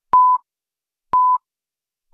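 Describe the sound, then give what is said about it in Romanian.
Radio Someș exact-time signal pips marking 3 o'clock: short, identical high beeps sounding once a second, three in a row, with silence between them and no voices. “Aici Radio Someș. Ora exactă.”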